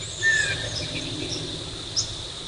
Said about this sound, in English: You that chipmunk? It's a northern water thrush.